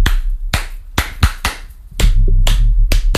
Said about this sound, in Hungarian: Tapsol vissza.